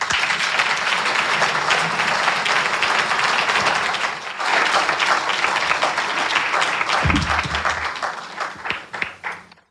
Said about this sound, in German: Ein großer Applaus bitte für Nefeli Kavouras.